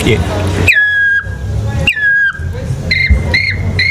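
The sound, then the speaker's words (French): A person imitates a black woodpecker's call: two long, loud, falling whistled cries, then three short sharp notes in quick succession, over a low background rumble. “les champs d'oiseaux vont évoluer jusqu'à l'ultime, le pic noir, qui est l'oiseau qui a besoin d'arbres qui ont plus de 200 ans.”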